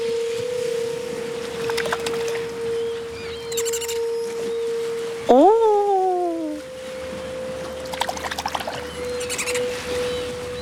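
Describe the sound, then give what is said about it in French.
An eerie, mermaid-like sung tone swoops up and glides down once, loud, over a steady humming drone, with faint splashy and chirping sounds scattered around it. “tu entends le chant des sirènes ?”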